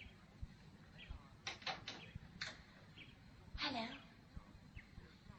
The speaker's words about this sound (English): I heard music. There's no music, only a bird singing. Oh, that's music.